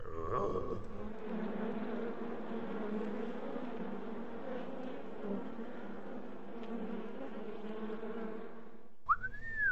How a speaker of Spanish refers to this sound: Descubrí un panal de abejas. Hay que tener cuidado para que no nos piquen.